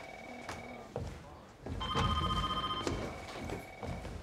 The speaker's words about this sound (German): Ah, und wo gehe ich zuerst ran? Das, was klingelt.